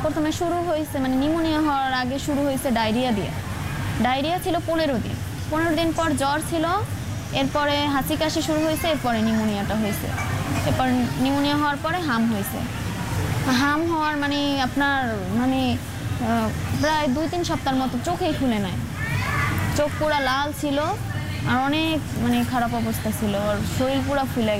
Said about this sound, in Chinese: 南亚国家孟加拉则是爆发了幼童的集体麻疹疫情，逼近有千人死亡，每天还正以数千起疑似病例迅速扩散。 病房里传出阵阵哭声，焦急的母亲试图帮孩子减轻痛苦，却无能为力。